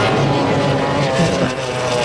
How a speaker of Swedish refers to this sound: Det lyden av båten, detta var Mette Sjøl som kör förbi. Mette Bjerknes nummer 9. Och det ser ut som sån där romskip ja, ja. Som alltså fyker av gårde I full fart.